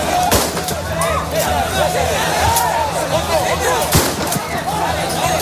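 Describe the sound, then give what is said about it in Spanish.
Several sharp gunshot cracks as the National Police fire into the air ring out at irregular intervals, two standing out loudly, over a constant roar of crowd noise with shouting voices throughout. “Son los disparos al aire por parte de la Policía Nacional y es que las escenas de tensión se repiten cada tarde, noche.”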